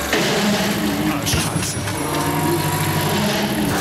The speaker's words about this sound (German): Jetzt ist auch so dieses Motorrad umgefallen von dieser, wie heißt diese teure Motorradmarke nochmal? Harley Davidson. Ja, genau, Harley Davidson, genau.